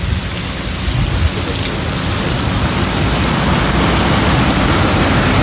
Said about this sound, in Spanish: Ahí se logra captar claramente el sonido ambiente y la lluvia que está... No es llovizna, ¿no? Es lluvia ya lo que nos reporta